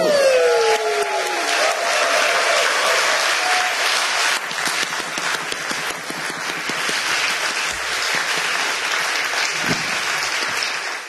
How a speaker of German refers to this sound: Und deshalb in diesem Sinne, danke für euren Support und euren Applaus, ihr liebes Magdeburger Millionenpublikum.